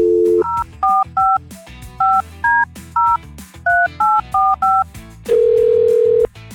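A phone number is punched in during a Houston's Eagle radio call as a quick run of about twelve two-tone touch-tone beeps, evenly spaced, followed by a long steady ringing tone. No one speaks.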